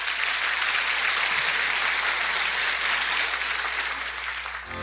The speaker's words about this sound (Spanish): Dele un buen aplauso.